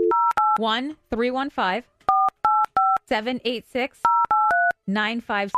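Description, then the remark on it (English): Touch-tone keypad beeps as a phone number is dialed, short dual-tone presses in quick groups of three or four, loud, alternating with a person talking between the groups. “We're 100% calling the number. Call right now.”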